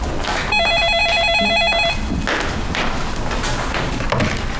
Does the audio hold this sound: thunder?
no